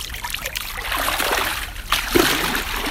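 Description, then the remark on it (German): Water sloshes and trickles, with a couple of brief splashes as a reporter wades barefoot, knee-deep, into the warm, clean water of the Krumme Lanke lake in Berlin, over a steady watery background. “Ich stehe hier nicht alleine mit Schuhe aus und bis zu Knien schon im Wasser”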